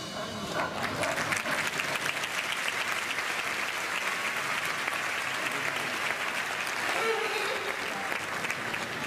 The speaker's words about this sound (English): Hey, stop clapping or you go out of here.